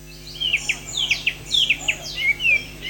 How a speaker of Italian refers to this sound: Hanno iniziato a cinguettare le prime luci dell'alba i quasi 300 esemplari di uccelli esposti nel centro di Sacile per il tradizionale concorso canoro, l'appuntamento più seguito dagli appassionati dell'ornitologia.